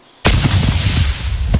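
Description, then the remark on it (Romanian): Controlled detonation by Romanian Defence Ministry personnel of an explosive-laden drone, reportedly Russian, found on a field in Tulcea County, Romania: a sudden loud blast erupts after a brief quiet moment, followed by a sustained rumbling roar and debris-like crackle that persists, with another sharp thud near the end. “Informația momentului acum, o dronă încărcată cu explozibili a fost descoperită în județul Tulcea. Reprezentanții MAPN au reușit să o detoneze controlat acum puțin timp.”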